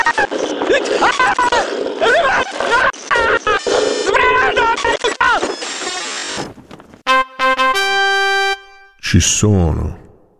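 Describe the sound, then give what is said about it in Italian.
Wolves snarl and growl loudly in a tangled, overlapping chorus, then long sustained howls rise and waver before a final short burst of growling. “Lupi!”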